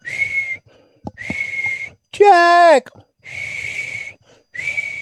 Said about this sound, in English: The worst thing is when I hear whistling.